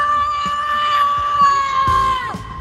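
A person screams wildly in a recorded voice message, one long, sustained, high-pitched shriek that wavers slightly and breaks downward near the end, loud.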